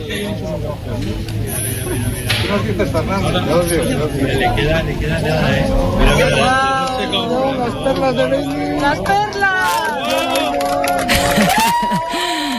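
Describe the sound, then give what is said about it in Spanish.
A large crowd at the Yebes Observatory erupts in applause and excited cheering at the end of eclipse totality, with many overlapping voices shouting and whooping loudly over sustained clapping that continues throughout. “Este era el momento, así hemos despedido la totalidad en el Observatorio de Yebes entre aplausos, lágrimas y abrazos.”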